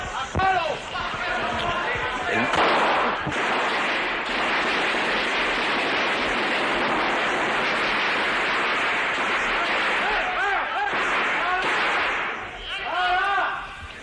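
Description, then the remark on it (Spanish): Gunfire in the chamber of the Congreso de los Diputados on an old radio broadcast recording, as armed men enter and a pistol is pointed at the President of the Congress: a long, loud, crackling barrage of rapid shots fills the middle, with shouting voices before and after. “está apuntando con la pistola, entran más policías, está apuntando al presidente del Congreso de los Diputados con la pistola, y vemos cómo, cuidado, la policía.”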